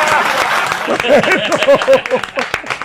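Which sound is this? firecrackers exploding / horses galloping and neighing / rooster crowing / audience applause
audience applause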